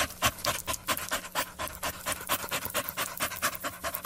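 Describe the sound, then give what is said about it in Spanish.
A dog pants rapidly and steadily, with quick rhythmic breathy huffs repeating throughout, no voices present. “No pueden sacar la lengua como tú. Es que ese niño me está sacando la lengua. Ni como los perros.”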